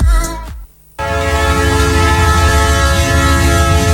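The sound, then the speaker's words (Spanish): A Trenes de Chile train rumbles at the new Curicó station in Chile, and after a brief lull a loud, sustained train horn blares steadily over the heavy rolling noise of the cars to the end. “Trenes de Chile abre las puertas de la nueva estación Curicó, un espacio moderno, renovado y preparado para recibirte.”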